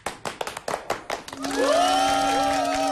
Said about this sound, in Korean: 박수